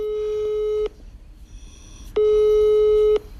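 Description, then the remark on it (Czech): A telephone ringback tone sounds twice, each steady mid-pitched beep lasting about a second, separated by a short pause filled with faint line hiss. No one speaks. “No a proto mu teď hned zavolám.”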